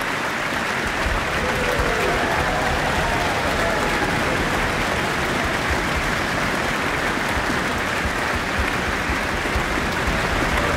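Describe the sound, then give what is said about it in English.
Sustained applause from a large audience for an orchestra after a concerto performance, a dense, steady wash of clapping that holds at an even loudness for about ten seconds without pause. “Another round of applause for the orchestra.”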